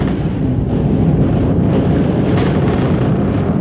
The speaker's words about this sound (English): the creak of the rigging, listen to the wind whip the sails.